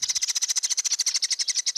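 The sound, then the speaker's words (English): Swifts give a rapid, high-pitched trilling call, a steady stream of quick buzzy pulses that runs unbroken for a couple of seconds, clear with no voices. “And swifts are considered to be closely related to hummingbirds.”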